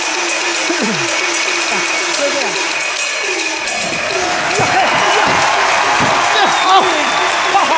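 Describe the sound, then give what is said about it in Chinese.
Sustained audience applause, steady and fairly loud, prompted by a performer's call to clap, with voices calling out and talking over the clapping throughout. “来，鼓掌！”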